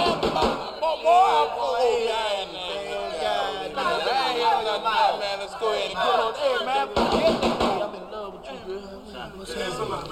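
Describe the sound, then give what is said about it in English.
A few sharp knocks rap on a door, heard under lively overlapping chatter from several voices, with one short burst near the start and another cluster later on. “why don't you answer the door, man? You're the closest one to it.”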